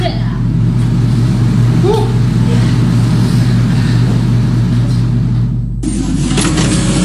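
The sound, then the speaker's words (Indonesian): A printer runs through a wrongly printed page with a loud, steady mechanical drone, shifting abruptly near the end as the motor changes pitch and a brighter whir takes over. “Aduh, salah print lagi.”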